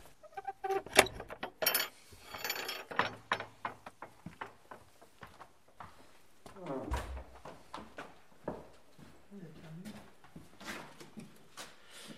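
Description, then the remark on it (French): A key rattles and turns in the old lock of a chapel door with a series of metallic clicks and clunks, then the heavy chapel door creaks and thuds open, with faint voices in the background. “Vous avez la clé. Voilà. Non, d'habitude, ce n'est pas fermé.”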